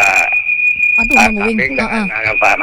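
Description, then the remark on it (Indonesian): A person imitates a goat's bleat with a wavering, quavering voice for about a second, over a steady high-pitched whine and faint radio-like hiss running throughout. “Nggih, rebutan jadi kambing nggih nanti malam nggih.”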